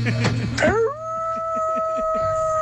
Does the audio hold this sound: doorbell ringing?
no